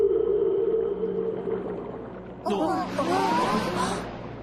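A Steller's sea cow call from sea cows tangled in seaweed in a giant kelp forest: a steady low moaning drone, then a louder burst of wavering, warbling cries over a watery hiss that fades out at the end.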